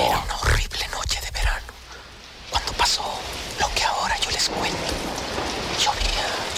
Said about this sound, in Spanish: Llovía en el pantano, relámpagos, rayos y hasta truenos.